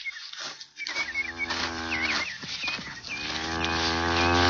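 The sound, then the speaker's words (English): A cow named Lady Queen lets out long, low moos with strong harmonic bands, one after another, the last growing louder and more drawn out, near her newborn heifer calf, with faint chirping birds in the background. “Hey, Corky, it's a heifer calf.”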